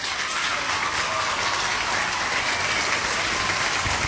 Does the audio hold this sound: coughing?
no